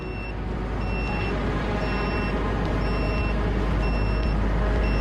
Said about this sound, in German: Jemand fliegt. Der Detektor piept, heißt das, hier gibt es Drohnen? Ja, Aufklärungsdrohnen.